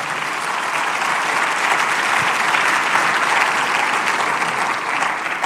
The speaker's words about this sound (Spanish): La Biblia merece un aplauso. Vamos, déselo con fuerza.